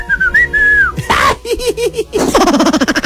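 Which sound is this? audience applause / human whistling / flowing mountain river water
human whistling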